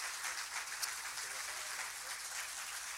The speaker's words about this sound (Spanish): Ahí está esa ovación, ese aplauso cerradito para ….